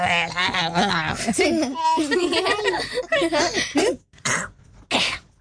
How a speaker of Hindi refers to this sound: ऐसा करता है? ये तो खांस, मुझे खांसी हो गई, उसको कब सिरप दे रही हूँ।